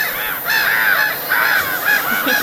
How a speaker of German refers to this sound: Pass auf, wo waren die Möwen? Genau, wo waren die Möwen? Um es für uns ein bisschen heimischer zu machen. Hör mal, hörst du sie?